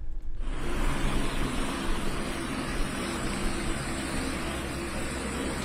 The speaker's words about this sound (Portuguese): Aí nesse momento em que o helicóptero chega, faz o pouso. No heliporto da residência dela ou não? Não, da ela polícia. Chega já sobre a tutela policial.